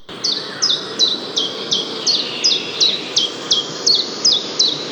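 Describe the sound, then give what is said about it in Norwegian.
A common chiffchaff sings its steady, evenly spaced chiff-chaff notes, about a dozen bright two-pitched chirps repeated in a regular rhythm, clear over a soft outdoor background hiss. “Og i dag så tenkte jeg at jeg skulle rett og slett ta en grann om en av de som du kan høre. Den heter Gransanger.”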